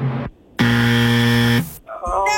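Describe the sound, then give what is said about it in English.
A single loud, harsh buzzer blares for about a second, a flat raspy drone rich in overtones, with a voice speaking just before and after it, marking the wrong guess "coffee" in Sonic's $40,000 mystery word contest. “You had to hear the buzzer and that voice crack.”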